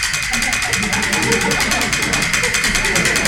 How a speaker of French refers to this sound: Tu passeras aussi, Jaco, chez le monsieur du frigo. Qu'est-ce qu'il y a? Il y a un petit bruit. J'entends rien.